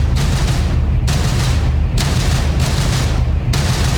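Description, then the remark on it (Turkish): Heavy, continuous low rumbling with sharp bursts of blast noise roughly every second, explosions around Bandar Abbas, Jask, Chabahar, Konarak, Minab, Sirik and Qeshm Island in southern Iran, loud and sustained with no voices. “İran'ın güneyindeki Bender Abbas, Cask, Çabahar, Konarak, Minep, Sirik ve Keşm Adası çevresinde patlamalar yaşandı.”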